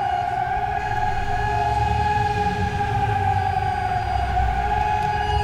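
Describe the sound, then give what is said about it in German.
A steady, sustained warning siren wails across the city area, heard through a microphone held out of a window, its tone holding level throughout over a rumbling low background of outdoor noise. “Und wenn man jetzt hier mal aus dem Fenster, ich versuche jetzt mal das Mikro einfach aus dem Fenster zu halten, dann hört man ja auch sehr schön die Sirenen im Hintergrund.”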